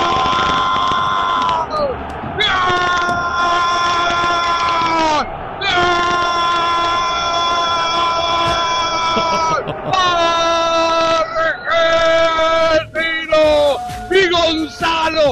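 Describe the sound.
A crowd of Argentine fans yells and cheers at an Argentina goal against Egypt aboard a line 53 bus, loud sustained shouting voices, with bursts of screams and chanting continuing throughout.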